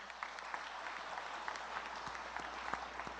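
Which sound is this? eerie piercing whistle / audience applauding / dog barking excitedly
audience applauding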